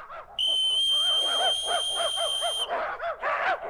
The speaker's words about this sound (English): At the other end of this football field, there are 50 eager dogs ready to dash for the hash. Yes, when I blow this whistle, they'll come running up to these dishes of hash dog food right next to me.